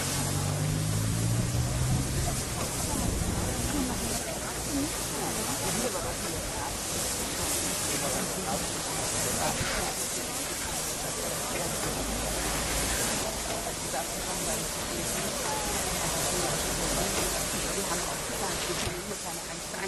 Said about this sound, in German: Während die Lok jetzt hier auf die Scheibe kommt, kann man schon mal ein paar Worte dazu verlieren. Die Maschine ist eine Dampflok